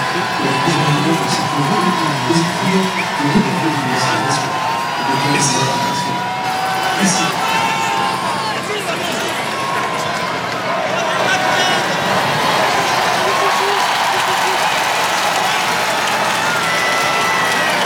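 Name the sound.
crowd cheering and applauding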